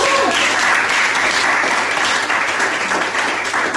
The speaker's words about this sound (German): Applaus und Applaus.